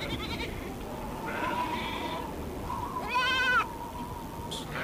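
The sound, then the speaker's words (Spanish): Sheep bleat several times in a wavering, quavering chorus, the loudest cry rising clearly near the end, over a steady windy outdoor hiss in the rural area of Ojos de Agua, Patagonia, with no one talking. “Grandes horizontes, vientos, ovejas y la inmensidad del paisaje.”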